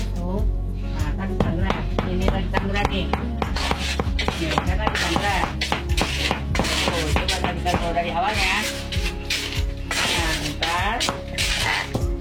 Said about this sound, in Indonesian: Tihana masih menggunakan tungku dengan wajan dari tanah liat untuk menyangrai melinjo